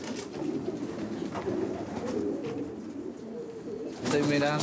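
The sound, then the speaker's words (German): Pigeons coo steadily in a loft, a dense overlapping murmur of low throaty calls, with a man speaking over the birds toward the end as he checks which pigeons are fit enough to fly the next day. “Ich kontrolliere, welche Tauben wirklich fit genug sind, um morgen fliegen zu können.”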